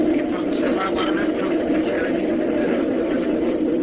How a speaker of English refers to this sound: There's a train out there. I couldn't hear.